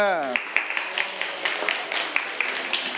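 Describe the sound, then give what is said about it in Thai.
A group of students in a class lesson claps their hands for the correct answer, the brain, in a steady, crisp patter of many overlapping claps that runs for a few seconds, right after a brief spoken word at the start. “ใช่สมองอ่ะปรบมือเ”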